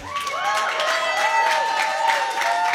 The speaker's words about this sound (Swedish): Vi firar nästa stjärna 2026. Världens största applåd för dem.